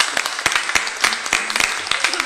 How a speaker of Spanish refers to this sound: Media vuelta y le damos un fuerte aplauso a estos jóvenes. ¡Lo animamos!